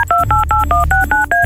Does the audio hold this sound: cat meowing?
no